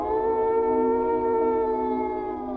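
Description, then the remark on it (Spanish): A wolf howl sound effect: one long, sustained note that holds nearly level before sagging slightly at the end, loud, with no other sounds around it. “Fondo que de lobo.”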